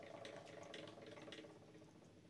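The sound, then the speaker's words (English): A game wheel spins with a steady stream of rapid, rattling clicks, even in loudness for a couple of seconds, with no voices over it. “I like it spinning.”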